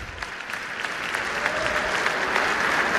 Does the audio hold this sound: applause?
yes